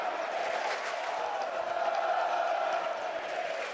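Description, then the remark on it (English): A sold-out crowd of West Virginia Mountaineers fans at a baseball stadium in Morgantown, West Virginia, roars and cheers continuously, a dense, steady wall of loud voices and shouts with no pauses, sustained at full volume throughout. “I don't even know if they heard me say gone with how loud the crowd was.”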